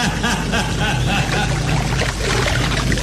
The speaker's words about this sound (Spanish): Calimán desapareció bajo las profundas aguas. Una estela de burbujas brotó en la superficie